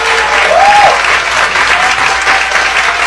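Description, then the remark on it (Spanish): Dense, steady applause for the Mexican Topos rescuers fills the whole stretch, a crowd clapping continuously at an even, loud level, with a brief whistle-like tone rising over it near the start. “quiero que desde acá, porque lo estoy grabando, darle un aplauso a los topos mexicanos que hoy son héroes nacionales en mi país.”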